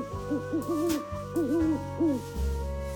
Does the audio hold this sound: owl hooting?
yes